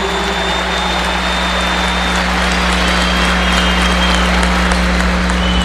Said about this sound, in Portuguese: Quero agradecer ao Frei Gilson. Muito obrigado pela sua presença. A gente pode bater palmas para ele, né? Não tem problema nenhum, não.